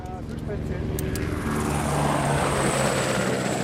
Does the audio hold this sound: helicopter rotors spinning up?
yes